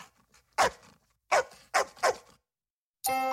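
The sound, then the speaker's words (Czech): The family pet dog Azor barks four times in an uneven rhythm, sharp, with short pauses between barks, before a sustained musical tone cuts in at the very end. “Tu první o muzikantech z Brém jsme slyšeli od našeho psa Azora.”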